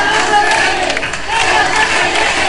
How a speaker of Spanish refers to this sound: En Badajoz, miles de pacenses se concentraban en la Plaza de España de la localidad pacense. Tras escuchar el himno ceutí, hubo un minuto de ovación y gritos de Ceuta no se vende, Ceuta se defiende.